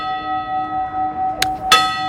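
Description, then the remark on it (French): The church bell of Capbreton in the Landes, France, rings, its long resonant hum sustaining throughout, with two fresh clangs struck close together near the end. No voices are heard. “son micro ici et la cloche de Cap-Breton donc dans les Landes.”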